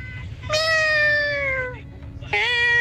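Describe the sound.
A person imitates a cat's meow as a hidden talent on a Tropicana radio segment: one long, drawn-out, falling meow, then a second meow starting right after. Both are loud over a low background rumble.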